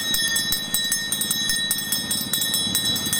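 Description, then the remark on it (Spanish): An ice cream vendor's hand bell is shaken rapidly and continuously, giving a bright, high-pitched metallic jangle with quick repeated strikes and no talking over it. “A ver, ¿cómo suena la campana?”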